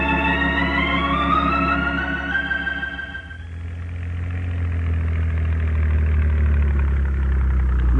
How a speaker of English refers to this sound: Here comes Buddy back with the launch.